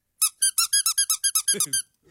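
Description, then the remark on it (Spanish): A rubber duck toy squeaks about ten times in a quick, steady rhythm, each squeak high and nasal; the last few turn raspier and lower, with no talking. “El pato suena que anda bien cachufo, hace un oye, Willy, con la voz de Alf.”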